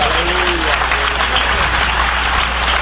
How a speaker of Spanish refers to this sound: Dale un aplauso al Cordero de Dios.